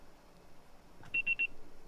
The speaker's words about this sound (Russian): Ваш звонок был переадресован на голосовой почтовый ящик. Можете оставить сообщение после сигнала.